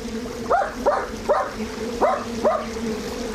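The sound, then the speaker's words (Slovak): A small dog yaps five times in quick, slightly uneven succession, each bark short and high-pitched, over a steady low background rush of a stream. “Hej, psíček, čo tu robíš?”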